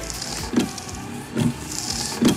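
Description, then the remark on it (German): Car windshield wipers sweep back and forth in a steady rhythm, three soft thumping swipes under a faint motor whir, moderately quiet, with no voices. “Aber spätestens ab heute laufen die Scheibenwischer im Auto wieder im Takt.”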